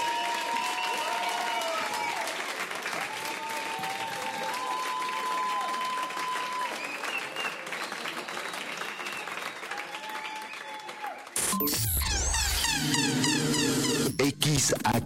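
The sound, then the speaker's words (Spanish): A crowd applauds steadily and loudly for about eleven seconds, a dense wash of clapping with faint tones running through it, before being cut off abruptly by music. “Aplausos”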